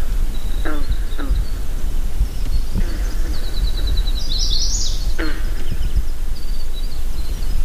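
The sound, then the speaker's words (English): Green frogs in a lake cove in Maine's north woods give a few scattered, twangy banjo-like gulps, a couple close together early and another later, over a steady outdoor hiss with faint bird chirps high in the background. “Observe an eagle perched on a tall spruce and move quietly into a cove to record a jangly chorus of green frogs.”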